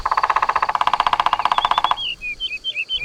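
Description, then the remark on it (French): A woodpecker drums its beak on a tree trunk in a rapid, even burst of sharp taps lasting about two seconds, then stops and gives way to high, quick chirping bird calls. “Le pivert tape avec son bec sur le tronc de l'arbre pour parler avec les autres oiseaux. Il tambourine.”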